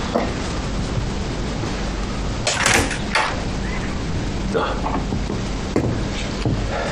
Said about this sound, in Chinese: 谁啊？ 我 开门。